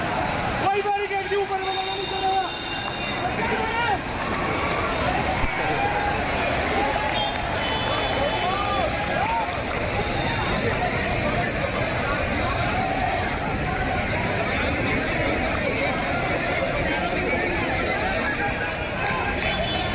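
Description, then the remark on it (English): A loud, dense crowd commotion on Parliament Street at night, with many overlapping voices shouting and hurried movement as onlookers run for safety in panic after Nihangs brandished sticks and performed stunts, a steady chaotic roar of people rushing that holds for the whole stretch. “In fact, in the latest, Nihang brandishing sticks and performing stunts at Parliament Street has sparked panic among onlookers and pushed the crowd to run for safety immediately.”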